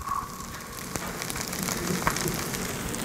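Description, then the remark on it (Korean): Steady sizzling from fried rice with meat, small-cut vegetables and cheese on a hot pan: a dense, crackling hiss with scattered sharp pops, continuous and fairly quiet, with no one talking. “이렇게 지글지글 거리는 소리.”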